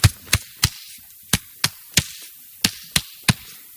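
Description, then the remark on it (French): Sharp, hollow knocks strike a tree trunk in three sets of three, each set a quick even burst followed by a short pause. The hits are loud and crisp, with no voices. “Puis il entend un bruit contre un arbre et il est tellement en train de penser à ses problèmes qu'il met plusieurs minutes avant de se rendre compte.”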